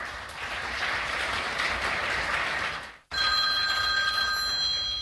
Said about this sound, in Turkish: Aranızda iyi olanı varsa bir zahmet çıkıversin şu telefonu.